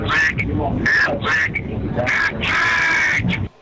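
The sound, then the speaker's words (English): A duck quacks aggressively: a rapid run of loud, harsh, raspy squawks in uneven bursts, with barely a pause between calls, before cutting off abruptly. “We have an aggressive duck.”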